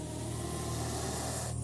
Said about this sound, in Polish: Nie patrzę. Słyszę wściekły syk wielu węży.